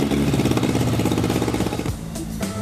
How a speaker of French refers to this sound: Et voilà un moteur qui ronronne.